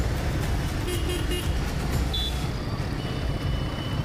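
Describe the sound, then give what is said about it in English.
Steady, dense road traffic in Mumbai rumbles throughout, with a few short horn toots cutting through the noise near the middle. No one speaks. “Like if you're riding such a heavy machine and then getting out of the traffic is a challenge every time.”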